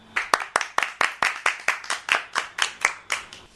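A group claps hands together in a steady, even rhythm to applaud a recited poem, about a dozen sharp claps in unison at a brisk pace, moderately loud, with no talking.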